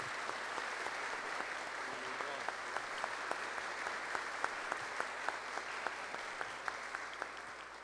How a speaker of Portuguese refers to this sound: Por isso quero pedir a toda a comunidade para que possamos dar esta acolhida a ele com uma salva de palmas para que ele se sinta bem-vindo.